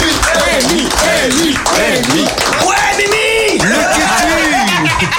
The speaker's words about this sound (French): Donc on peut l'applaudir aussi bien fort. Bravo.